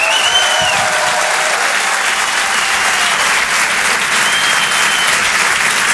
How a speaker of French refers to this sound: Rire et Chanson Comedy Club. Je demande un tonnerre d'applaudissements, s'il vous plaît